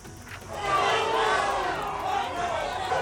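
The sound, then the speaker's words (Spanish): A large crowd of citizens in Ceuta, Spain, shouts, whistles and hurls insults at Spanish Prime Minister Pedro Sánchez, voices overlapping in a loud, sustained roar with shrill whistles cutting through, rising after a brief quieter start. “Pues así como están viendo, con gritos, con pitadas, con insultos, han recibido ciudadanos de Ceuta al presidente del gobierno.”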